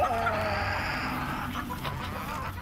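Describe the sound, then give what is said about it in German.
Several hens cluck and murmur continuously, fairly loud, their overlapping calls forming a steady busy chatter with no voices. “Und Hühner, die so bestens versorgt werden, legen viele Eier.”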